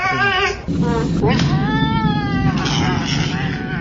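A cat named Bean meows loudly and repeatedly, drawn-out wavering cries with strong harmonics that rise and fall in pitch, several calls in a row over a steady low background hum.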